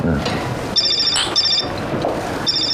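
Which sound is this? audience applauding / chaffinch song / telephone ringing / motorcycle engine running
telephone ringing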